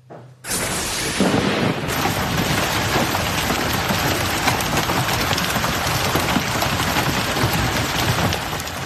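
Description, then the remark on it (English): Hailstones as big as half dollars hammer a car parked on the street in Colorado Springs, Colorado, during a severe thunderstorm, in a dense, relentless clatter that bursts in abruptly and stays loud and steady throughout, with countless rapid impacts blurring together and no voices. “Hailstones as big as half dollars hammered a car parked on the street in Colorado Springs, Colorado, just yesterday.”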